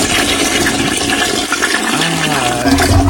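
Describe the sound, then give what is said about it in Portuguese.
A toilet flushes loudly, a steady rushing gush of water that fills the whole few seconds, with a gurgling swirl toward the end. “Pelo amor de Deus, descarga pra essa aí”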